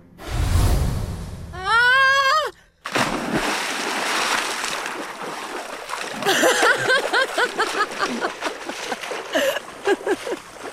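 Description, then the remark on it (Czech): A heavy splash as two people land in the blue-lit water of a fountain in the evening, followed by a brief high wavering cry, then several seconds of loud sloshing and splashing. “Snesli jsme se rychle. Zvedl se mi žaludek. Pevně jsem se ho držela. V kašně svítila modrá voda.”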